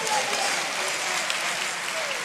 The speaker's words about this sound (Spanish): No, ese aplauso está flojo.